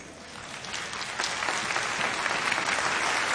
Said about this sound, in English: This guy, look at him. You should be clapping for that guy.